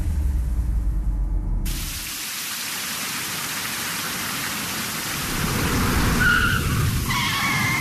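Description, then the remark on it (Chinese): Heavy rain pours down on a slippery road in a steady, dense hiss from start to finish, opening over a deep low rumble like thunder, with a few faint high squeaks near the end. “小雨，你给我刹车，这么大的雨，路这么滑，你还骑那么快啊？”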